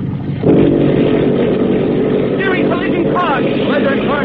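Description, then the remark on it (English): Torpedo boat engines burst into a loud, steady roar as the mufflers are opened after a brief lower rumble, the boat accelerating, the heavy drone holding throughout while voices briefly call out over the noise. “Signal engine room to open mufflers.”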